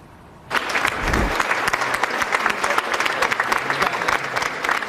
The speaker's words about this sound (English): Reporters at the Justice Department applauding Todd Blanche's confirmation as the new United States Attorney General.